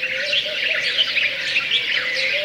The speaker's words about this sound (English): It's better down lower because this is where you're going to hear the birds next to you, above you, below you, all around you.